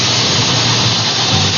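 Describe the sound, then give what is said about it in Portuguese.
A pressure cooker on the stove hisses in a steady, unbroken rush of bright, airy noise that holds the same fairly loud level from start to finish, with no voices over it. “Ó, escuta o cheiro aí na sua casa, a panela de pressão, ó. A panela tá no fogo, ó.”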